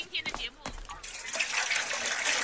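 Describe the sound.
A brief voice at the start, then water pours steadily into a basin, a close, continuous splashing rush that grows slightly louder and keeps running to the end.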